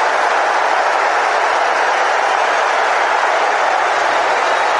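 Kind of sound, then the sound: crowd, stadium crowd ovation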